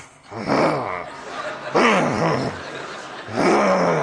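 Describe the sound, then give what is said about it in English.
A single voice imitates the angry growling and murmuring of a funeral audience, in three sustained, swelling bursts, fairly loud, with brief pauses between them. “I start to hear this growling, this murmuring.”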